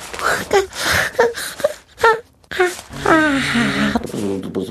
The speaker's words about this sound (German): Der kleine König gähnt.